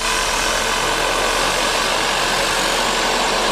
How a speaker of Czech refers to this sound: Teďka tady vidíte vrtací stroj, který tady dělá vývrty pro trhací práce.